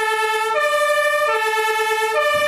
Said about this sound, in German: Das ist unser Löschgruppenfahrzeug.